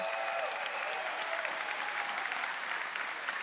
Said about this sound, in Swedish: Och ni ska få möta dem strax, men LP-kören är här. En stor applåd till LP-kören också.